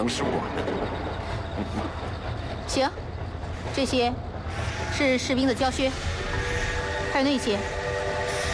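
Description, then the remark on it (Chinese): A steam locomotive puffing white smoke sounds a long whistle at a railway station platform over rumbling station ambience, its tone sustained through the latter half, while indistinct voices call out intermittently. “喷着白烟的机车汽笛长鸣”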